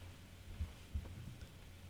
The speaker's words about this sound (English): I love how he left his white noise going for all of us to hear.